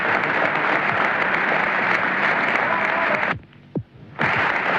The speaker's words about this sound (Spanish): Prolongados aplausos de emoción, de alegría y también de despedida a quien nos mantuvo la moral en alto.